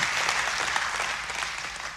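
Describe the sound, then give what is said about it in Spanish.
An audience applauds in praise of God, many hands clapping in a dense, continuous wash of sound at a fairly loud level, with no voices standing out. “Recíbelo y aplauda a aquel que te da todo y no te niega nada.”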